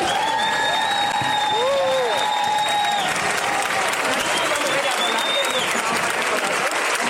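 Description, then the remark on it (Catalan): Loud, steady audience applause for the Chove Muixaraca de Valencia, a dense wash of clapping lasting about seven seconds, with a few high whistles and crowd voices rising over it. “Un aplaudimiento y muchísimas gracias a la Chove Muixaraca de Valencia.”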